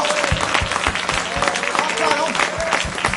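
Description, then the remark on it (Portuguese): An audience claps hands in a steady, dense rhythm, many overlapping claps forming a continuous loud patter, with voices faintly mixed underneath. “Bate palma com vontade, essas palmas não...”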